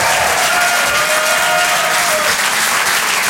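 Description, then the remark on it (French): An audience at the Rire et Chanson Comedy Club claps in a dense, steady wave of applause that stays loud for the whole stretch, with a faint sustained tone sitting underneath and no voices heard. “Et je vous demande d'applaudir très très fort, s'il vous plaît, David Bugnac.”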